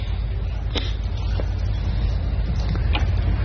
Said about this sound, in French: Le son du bateau.